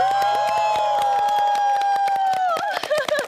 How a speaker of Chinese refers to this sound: 他们这边赢在哪你知道吗？啊，赢在他也欧了。 我没欧。 你没欧，现场观众都欧了啊，这个责任得你来担。其实都非常的好啊，但是的确这边呼声稍微高一点点。